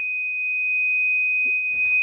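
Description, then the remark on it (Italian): A water sensor alarm, set off as its probe detects water about 30 centimetres below floor level, sounds a loud, steady, high-pitched electronic tone that holds without a break, along with a light signal, with a brief rustling noise near the end and no voices. “diciamo la sua funzione è molto semplice, come vi ho detto all'inizio, mettendo il sensore che è qua, praticamente sente subito l'acqua e mi suona un impulso sonoro e anche luminoso.”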